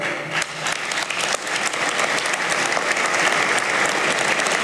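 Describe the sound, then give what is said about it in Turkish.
Sustained applause in parliament interrupting a speech as the assembly entered its second legislative year: a dense wash of many hands clapping that starts slightly thinner and swells to a steady, loud roar throughout, with no voices rising above it. “Sık sık alkışlarla kesilen bu konuşmadan 95 sene sonra Yüce Meclisimiz millete öncülük görevini bir kez daha yerine getirmiştir.”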